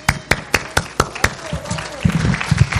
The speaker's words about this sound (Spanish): Un graduado como los que están aquí, y hoy nos llenamos de aplausos con los graduados.